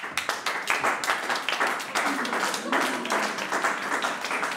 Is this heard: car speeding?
no